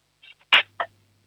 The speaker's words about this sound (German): dann nimmst du so 5, 6 Gabeln und lässt sie so richtig schön reinscheppern in die Lade, damit dann haben wir ein bisschen Lärm hier im Radio, das ist auch immer toll.